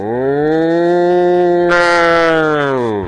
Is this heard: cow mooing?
yes